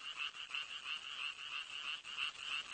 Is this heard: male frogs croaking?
yes